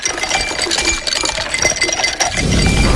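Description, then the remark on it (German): Ice cubes clink and rattle against glass in a quick, busy cluster of bright taps, fairly loud, ending in a low rushing wash. “Kannst du die Eiswürfel bitte nochmal?”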